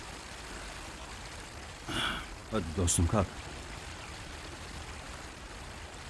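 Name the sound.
flowing river water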